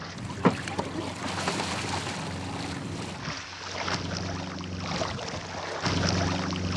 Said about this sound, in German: Trotz auffrischendem Wind und Wellengang.